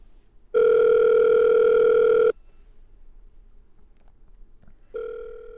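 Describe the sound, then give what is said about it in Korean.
A phone ringback tone while calling a missing mobile phone: a loud, steady electronic buzz lasting under two seconds, a quiet pause, then the next ring beginning. No one speaks. “얼른 전화를 해봐라.”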